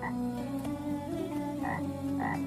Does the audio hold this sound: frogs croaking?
yes